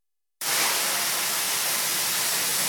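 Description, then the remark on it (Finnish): After a brief silence, a steady, loud hiss of steam from an Omron MicroAir Go mesh nebulizer, a steam inhaler, switches on abruptly and continues evenly, bright and airy, with no voices over it. “Uusi Omron Microair Go-verkkosumutin on allergiatunnuksen saanut höyryhengityslaite.”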